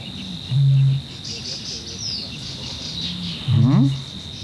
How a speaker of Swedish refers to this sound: Nu kurrade inte i min mage, det var en vattenrall. Just det.